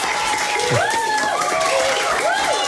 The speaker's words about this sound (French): D'abord parce qu'on a un public ultra chaud devant nous, qui est prêt à applaudir, n'est-ce pas? Vous êtes prêts à applaudir, les enfants du Parc Malou.